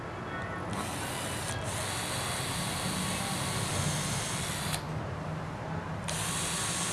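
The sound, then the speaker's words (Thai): A wood drill bores steadily into a piece of wood, drilling a pilot hole, a continuous rough grinding that runs the whole time, its bright edge briefly dulling twice as the pressure shifts. “สว่านนี่เจาะนำไหมพี่ ใช่ครับเอาตัวนี้ นะ เอาตัวนี้เจาะนำตัวนี้เราเรียกว่าสว่านเจาะไม ้”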